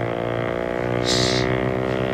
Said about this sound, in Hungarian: Hallod ezt? Mi ez? Motorcsónak.